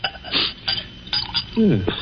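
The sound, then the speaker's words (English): Glassware clinks as brandy is poured into a glass, a short gurgling pour near the end following a few light taps and knocks of the bottle against the rim. “Then perhaps you wouldn't mind pouring me a little.”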